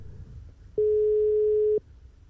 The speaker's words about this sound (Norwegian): Følg med på telefonen deres. Kanskje det er nettopp du vi ringer til nå. Og det ringer. Bra tegn.